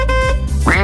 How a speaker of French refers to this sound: Vous savez, je vous fais écouter un extrait de chanson et vous devez retrouver les mots masqués par tutut et coin-coin. Ça fait comme ça.